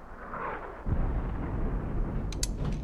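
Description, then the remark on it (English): Mortar shells exploding: a heavy, deep blast erupts partway through and rolls into a sustained low rumble, with a few sharp, high crackles near the end. No one speaks. “Mortar shells. It's not ours. Peacekeepers must be shelling the rebels outside the city.”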